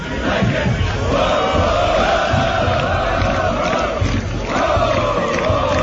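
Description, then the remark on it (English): A large crowd of fans marching to a stadium, chanting together in a loud, sustained, rhythmic roar, with voices swelling and dipping in unison over a dense wash of shouting and footsteps. “Can you play the crowd marching to the stadium yesterday?”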